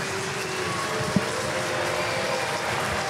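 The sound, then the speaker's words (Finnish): Steady, dense applause from an ice hockey arena crowd as the home team receives a penalty fills the whole stretch, a broad even clatter of many hands with one brief sharp knock partway through. “Ja kyllä täällä aplodeita myöskin yleisöstä kuuluu, kun kotijoukkue saa rangaistuksen.”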